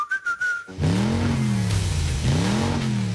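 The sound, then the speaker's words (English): A brief whistle tone gives way to a loud car engine revving hard twice, its pitch climbing and dropping with each throttle burst, with no talking. “It's time to get revved up.”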